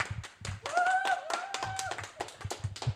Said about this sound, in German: Klatscht ihr kurz nochmal? Can you please clap?